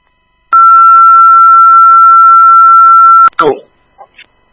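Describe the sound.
A loud, steady electronic alert tone, Pathfinder's second fire dispatch tones for a Killbuck hazardous conditions call about a tree down on power lines near 4024 Killbuck Road, holds one unwavering pitch for almost three seconds. It cuts off abruptly into a short burst of radio voice and faint blips.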